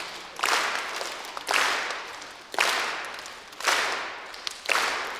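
A group claps together in steady time on beat three of a four-beat bar, five loud, sharp bursts about a second apart, each a crisp wash of many hands that fades before the next. No one speaks.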